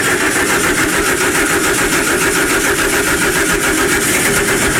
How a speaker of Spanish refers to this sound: Vea, el carro prende, hombre, y todo.